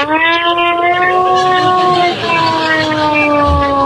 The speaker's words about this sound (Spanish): Tengo la sirena esta que realmente no tiene nada electrónico, pero fijaros cómo de pronto dices, cuidado.